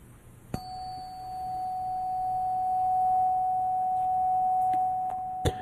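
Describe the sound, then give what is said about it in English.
A steady pure sine tone holds one unchanging pitch for about five seconds at a moderate, even level, with a sharp click marking where it starts and another where it stops. “And now we're going to listen to this pure tone that's going to activate our third eye chakra.”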